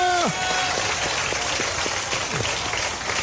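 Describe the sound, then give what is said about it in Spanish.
A crowd raising their hands and clapping in praise claps steadily in a dense, continuous wash of applause, with a brief voiced shout sliding down in pitch at the very start and some sharper individual claps standing out. “Mientras puedes levantar las manos, aplaudo al mismo tiempo también.”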